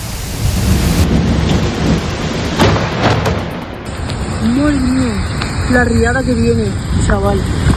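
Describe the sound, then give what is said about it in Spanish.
Heavy rain pours down on Carrer Colón in the Valencia region, with rushing floodwater roaring steadily down the street toward the health clinic, loud the whole time, while a voice calls out over the downpour in the second half. “Madre mía, la que está cayendo, pero el carrer Colón.”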